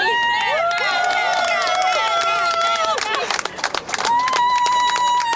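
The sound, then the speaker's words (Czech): A loud crowd claps and cheers for a new world champion, with high excited whoops and shouts rising over dense, continuous applause and a steady wash of crowd noise throughout. “Je to určitě neskutečný, teďka vlastně můžeme slyšet tady tleskání a všichni jsou nadšení, jsem za ní nesmírně rád a jsem hrozně pyšnej.”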